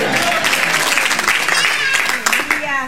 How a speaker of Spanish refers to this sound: ¿Cuándo pueden dar un gloria a Dios en la noche de hoy? Dar un aplauso fuerte al Padre, al Hijo y al Espíritu Santo esta noche. A su nombre.